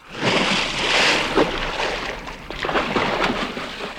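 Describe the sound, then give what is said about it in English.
A rowing boat moves through water, oars dipping and splashing in an uneven rhythm over a steady wash of sloshing, hissing water, with a few sharper splashes standing out. “Philip! Thomas! Ease off your oars!”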